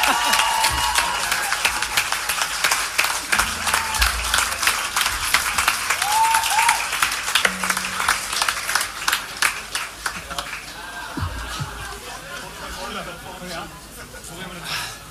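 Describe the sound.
An audience applauds steadily, dense clapping thinning out toward the end with scattered individual claps, while a voice speaks faintly underneath.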